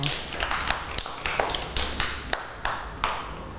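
A group of children in a class claps unevenly for a child who has just spoken, with scattered sharp hand claps overlapping in a loose, irregular patter for a few seconds, with no voices.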